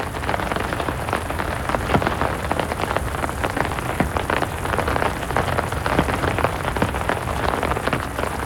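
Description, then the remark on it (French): Heavy rain in a garden drums steadily on a surface, countless raindrops striking together in a dense, constant patter with sharp individual hits poking through. No voices are heard. “Oh, elles sont fortes, ces gouttes d'eau. Toutes ensemble, elles font un bruit, un gros bruit.”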